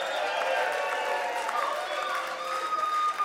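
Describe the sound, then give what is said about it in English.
An audience at a show applauds a songwriter who opened the show, in a steady, dense wash of clapping with cheering and whoops mixed in, holding at an even loudness for about three seconds. “I want to get a massive round of applause for my friend … that opened the show.”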